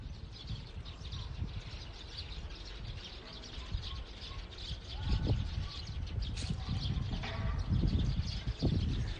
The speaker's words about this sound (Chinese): 这是小区楼下叽叽喳喳的鸟叫，不远处还在播着疫情防控的提示，这边鸟儿们已经开始歌唱着春天了